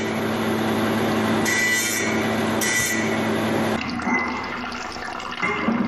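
A jade cutting machine grinds steadily through jade stone, cutting away unneeded material along drawn lines to form the rough shape of a Tibetan antelope, its motor humming beneath a wet, hissing spray of water. The tone shifts partway through as the blade bites differently, continuous throughout.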